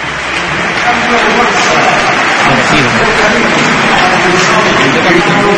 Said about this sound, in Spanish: Sí, cambio importante, ¿eh? Porque se marcha el capitán, se va Rafinha, se va el número 11 y va a debutar Hamza Abdelkarim. Todo el Spotify Camp Nou, esta es la ovación que se lleva Rafinha.